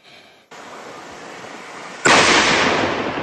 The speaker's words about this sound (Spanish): Esta explosión no fue producto del incendio. Fue la respuesta de la policía ante un artefacto explosivo encontrado entre la vegetación de la Vicentina en el centro sur de la capital. El elemento, según las autoridades, era de uso militar.